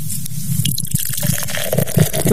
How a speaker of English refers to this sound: Yes, dude pops open another can. Apparently there was one unopened beer left in the car.